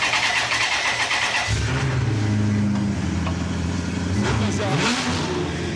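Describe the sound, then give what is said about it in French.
A Maserati sports-car engine of 400 horsepower, with the Maserati logo on it, bursts to life after a brief hiss, then idles with a deep, steady rumble before revving up and down in a quick rising-and-falling sweep. “Tu peux faire tourner, ça fait vraiment un bruit de Maserati.”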